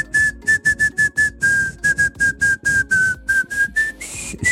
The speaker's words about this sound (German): Jetzt musst du dir vorstellen, ich finde das ja voll schwer, alles in einer Tonart zu pfeifen, aber der Hit, um den es geht, wäre